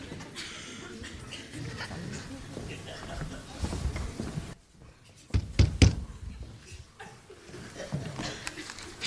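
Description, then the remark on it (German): A few quick, firm knocks on a public office door land in a short burst midway through, with muffled voices and some chuckling in the background before and after. “Wenn man an eine Amtstür klopft, dann hat man zu warten, bis jemand hereinruft.”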